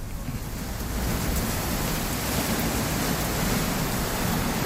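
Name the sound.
heavy rain with wind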